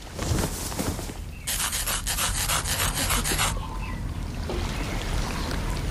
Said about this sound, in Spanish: Siempre que se avecina tormenta, la pata de palo me empieza a picar mazo. ¡Uf! ¡Uf! ¡Es insoportable! ¡Perdonad! Necesito levantarme el pantalón para rascarme.